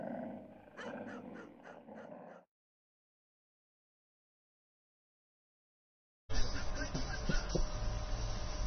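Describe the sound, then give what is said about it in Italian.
Border dogs growl and snarl for about two seconds in rough, pulsing bursts, then everything drops to silence before a loud, hissing wash of noise begins. “Troverai nella scatola i pupazzetti di Vittorio Emanuele e famiglia, una cartina aggiornata dell'Italia e i temibili cani di frontiera”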